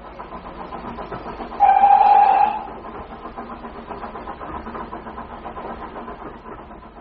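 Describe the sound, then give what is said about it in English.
A steam train to Woking rumbles steadily along the rails, with a loud whistle blast cutting through for about a second near the start before the chugging, rattling motion carries on alone. “The train only takes an hour.”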